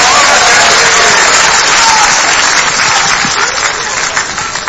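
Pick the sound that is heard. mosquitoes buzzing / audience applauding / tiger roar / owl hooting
audience applauding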